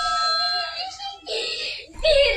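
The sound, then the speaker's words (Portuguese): A wife crying in high, wavering wails that come in three strained bursts with short breaks between them, fairly loud, with no clear words, as the family reacts to the first iFood order, a brownie order. “A esposa chorando ao fundo.”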